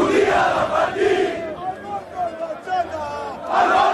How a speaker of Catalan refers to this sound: Milers d'aficionats del Barça han celebrat fins ben entrada la matinada a la plaça Catalunya de Barcelona.